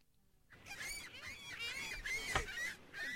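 A flock of seagulls screeching, with harsh, overlapping cries repeating steadily and fairly loud. There is no talking.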